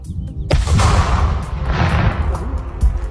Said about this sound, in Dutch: De explosieve opruimingsdienst heeft de bom buiten de stad laten ontploffen, zien we bij Omroep Brabant. In 3, 2, 1...